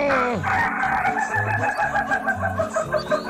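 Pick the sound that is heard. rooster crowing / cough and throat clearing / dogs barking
rooster crowing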